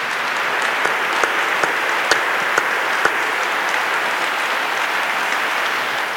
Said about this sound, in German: Ich möchte jetzt um einen Applaus bitten, um einen kräftigen Applaus für euch und das, was ihr geteilt habt.